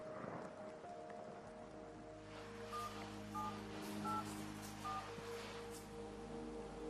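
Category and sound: nature, rain falling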